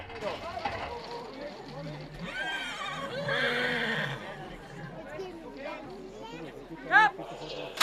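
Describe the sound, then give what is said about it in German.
Racehorses whinny as a crew of specialists loads them into the narrow starting stalls, amid steady crowd chatter and handlers' voices, with a sharp, loud whinny standing out near the end. “Eine Crew von Spezialisten buxiert die Pferde in die engen Boxen.”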